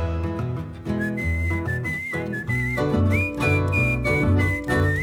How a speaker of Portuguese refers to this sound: coplas e amores tranqueando numa mesma chamarrita, onde a poesia bonita traz no rastro a melodia e um cantador se anuncia num assobio afinado.